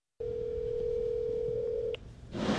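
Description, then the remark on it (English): A steady, unbroken telephone dial tone of an unanswered phone call to the president of Colombia hums for nearly two seconds, then cuts off with a brief click and gives way to a burst of rushing line noise. “Unfortunately, my phone call to the president of Colombia and Mark Carney inviting them over for dinner was not returned.”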